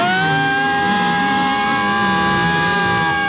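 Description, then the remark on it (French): A loud, continuous wall of crowd cheering and shouting to encourage arriving runners, with steady high-pitched tones like horns or whistles held throughout and a rumbling wash of voices underneath. “Ah plus fort, allez-y, allez, tout du bruit, allez-y, allez, on fait tous du bruit.”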